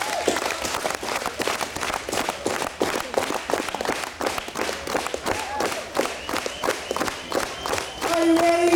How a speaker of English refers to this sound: Okay, let's practice one time. Let me hear you clap your hands.